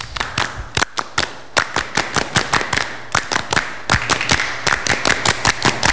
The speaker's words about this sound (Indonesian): Dua kali tepuk pramuka.